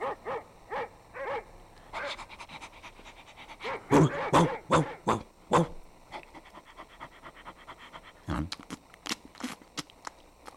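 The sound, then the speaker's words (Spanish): A large dog barks in a series of deep woofs, loudest in a burst near the middle, mixed with breathy panting and scattered shorter barks toward the end. “Nuestro hijo se convirtió en un perrote inmenso.”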